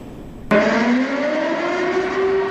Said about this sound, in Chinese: 急促的警报声在安徽省灵璧县第五中学校园内骤然响起，2400多名师生沿着预定疏散路线快速有序撤离教室，在规定时间内全部安全到达操场指定区域。这是该学校展开的一场应急疏散掩蔽演练。